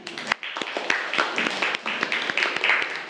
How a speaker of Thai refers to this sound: ลายกนก ลายกนกขอเสียงปรบมือให้เพื่อนหน่อยครับ